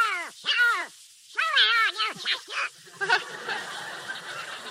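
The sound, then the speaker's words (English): Donald Duck's raspy, squawking cartoon voice quacks out two quick runs of garbled, wavering syllables, fairly loud, then trails off into a softer, noisy murmur. “What's that noise, Mickey? Oh, that's Donald Duck.”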